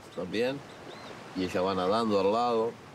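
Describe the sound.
A man on a beach imitates a sea lion mother's call to a sea lion in his care: a short wavering moan, then a longer, loud, warbling howl with pitch wobbling up and down, sustained for over a second.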